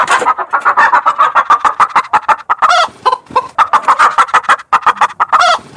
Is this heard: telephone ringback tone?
no